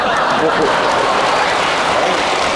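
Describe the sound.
An audience claps steadily in a dense, continuous burst of applause for a performer about to sing Peking opera, loud and unbroken for a couple of seconds, with a murmur of voices mixed in beneath the clapping.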